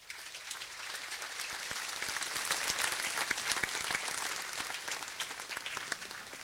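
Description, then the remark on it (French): An audience applauds the deacons, monks and nuns present, many hands clapping in a dense, even wash of sound with sharp individual claps poking through, holding a fairly constant loudness throughout with no voices. “Pouvons les applaudir.”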